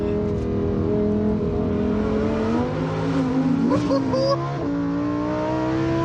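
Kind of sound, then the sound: vehicle, race car engine accelerating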